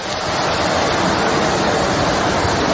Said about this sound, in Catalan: Ja ho senten, la intensitat de la pluja és molt forta.